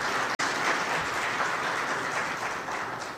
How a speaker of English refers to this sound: And although she's not here with us in the room, I'd like to give us a round of applause.